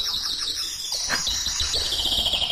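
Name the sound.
bird chirping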